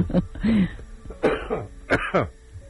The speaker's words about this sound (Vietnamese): Nhắc tới mấy ông cộng sản sao tự nhiên tôi bắt ho không? Yeah. Ho này là ho ra đó.